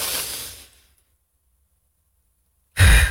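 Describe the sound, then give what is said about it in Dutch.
A deliberate deep breath: a long, airy inhale fades into roughly two seconds of silence while the breath is held, then a loud, forceful exhale bursts out at the end. No one speaks. “Tuurlijk, we halen automatisch adem, maar soms heb je gewoon die diepe adem.”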